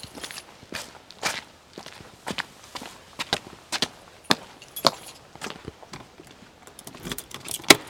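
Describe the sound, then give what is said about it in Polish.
A bunch of keys, a set used for tours, jangles and clinks in quick, irregular bursts at an observatory housing Poland's largest optical telescope, with soft footsteps or handling noises mixed in and no talking. “Czy pan pamięta, które klucze które?”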